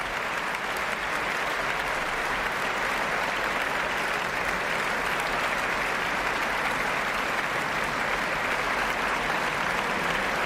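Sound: concert audience applause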